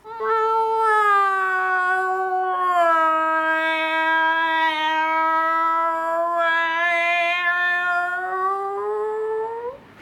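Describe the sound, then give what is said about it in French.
A cat yowls in one long, unbroken, song-like meow lasting about ten seconds, its pitch sliding and wavering. Loud, with no other sounds around it. “T'appelles ça chanter? Parfaitement, c'est comme ça qu'on chante au pays des chats.”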